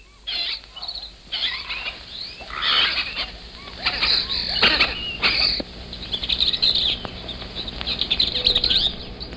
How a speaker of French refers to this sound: Vous entendez, ce ne sont pas les sifflements d'un policier, ce sont simplement les cris des perruches apprivoisées que l'on trouve souvent dans les rues de Cusco et qui sont une de ses marques originales.